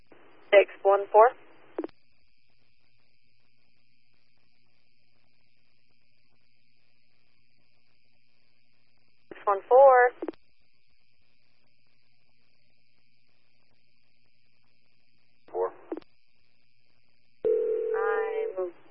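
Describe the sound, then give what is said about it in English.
Short bursts of thin, radio-like voices separated by long silences, ending with a steady low telephone dial tone and dialing that runs under a voice for about a second. “I'm giving him a phone call now.”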